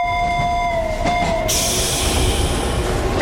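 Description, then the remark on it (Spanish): A tram pulls away from track 5: a steady high tonal whine rings out first, then a loud rush of rail noise and rumble takes over and keeps going. No one speaks. “tranvía musical se encuentra en la vía 5 y se dispone a salir en breves segundos”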